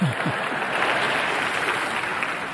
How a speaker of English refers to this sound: Thank you. You don't need to clap. You didn't do that well. It was okay. I mean, clap something I say.